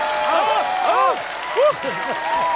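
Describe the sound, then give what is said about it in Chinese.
Steady audience applause, a dense crackling hiss that runs the whole time, with voices talking loudly over it. “那刚才朋友们都鼓掌了吗？”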